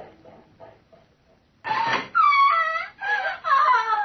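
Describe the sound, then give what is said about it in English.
A woman, Dr. Manette's patient, screams in several loud, drawn-out, high-pitched anguished cries that rise and waver, following a quiet moment of faint, indistinct murmuring. “What was that scream I just heard?”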